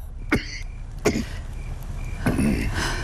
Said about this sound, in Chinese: 您整夜的咳，没睡一会儿啊？ 夜不能寐呀。 我去熬药，来呀，采来的草药，也许能治你的咳嗽。